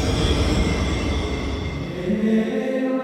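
A museum railway train of the Erzgebirgische Aussichtsbahn rumbles steadily along the tracks, with dense low-end clatter and a rising metallic wheel squeal toward the end. No one speaks.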